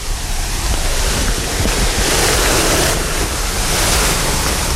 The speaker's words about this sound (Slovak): Toto je ten menší jazierko. A do neho priteká voda z toho štylizovaného rímskeho akvaduktu. Priteká do tohto jazierka. Už počujeme zurčať vodu.